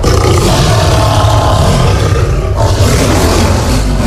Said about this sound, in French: Le voyez-vous là-haut, sur les roches couronnant la colline sèche, debout face au rouge soleil, Ouah du jour qui se couche, le lion, Ouah de la nuit, jette son grand cri de guerre, son nom.